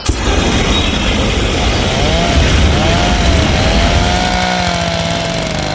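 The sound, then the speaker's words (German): Loud, steady motorized droning of a lawn mower and pressure washer running together in gardens, with a rising and falling whine over a rough engine rumble. No one speaks. “Alles stinkt nach Essig und verbranntem Pflanzenmaterial und überall schrebeln Hochdruckreiniger und Rasenmäher in den Gärten.”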